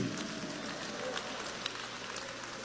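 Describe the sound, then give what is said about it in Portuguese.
A church audience claps their hands together to applaud the Lord and give glory to God, a steady, dense wash of applause that holds an even loudness throughout, with faint voices mixed in underneath. “Vocês que estão com as mãos desocupadas, vamos aplaudir o Senhor com palmas.”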